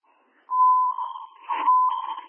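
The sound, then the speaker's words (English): A building fire alarm, set off by burnt food in a unit, sounds a steady, piercing electronic tone in two long, slightly buzzy bursts, clear and fairly loud, with no voices over it. “Rescue 341, do you want the alarm silenced?”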